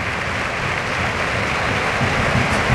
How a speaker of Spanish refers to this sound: Ahí. Ovación para Raúl, de la Cartuja.